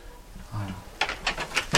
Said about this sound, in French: Voilà. C'est une vieille porte avec une vieille serrure. C'est des endroits qu'on ne trouve plus trop. Là, tout est vieux, usé, et c'est un vieux pigeonnier.